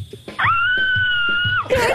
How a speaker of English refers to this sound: She was screaming because she already knew what the call was about.